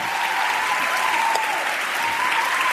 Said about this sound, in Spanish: Estáis aplaudiendo. Aplaudís a un muchacho que hace el intermitente.